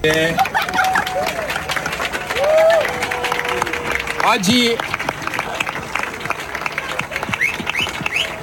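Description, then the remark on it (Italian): Dense, continuous clapping from a sizable crowd on a beach, steady and growing louder as Gregorio Paltrinieri arrives, greets the crowd and prepares to enter the water for a sea swim, with scattered shouts, a rising whistle-like call and murmuring voices mixed into the applause. “Poi gli applausi si fanno più forti, arriva Gregorio Paltrinieri, saluta la folla e si prepara anche lui a entrare in acqua.”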